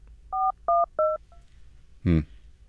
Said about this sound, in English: Oh, wait a second. The phone's ringing, sorry.